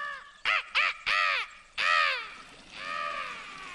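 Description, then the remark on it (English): A man imitates a crow, giving four harsh, loud caws in quick succession, the last two drawn out, then a softer, trailing caw at the end. “Benedict ducks back. Pretends to be a crow to cover his outburst.”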